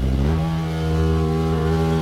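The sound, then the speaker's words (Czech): An Asian hornet buzzing, a loud, steady low drone with a rich, motor-like hum that holds constant for the whole stretch, with no voices over it. “No jasně, a sršeň, ale jak to zní prostě, o mě děsí už ten jejich zvuk, jo.”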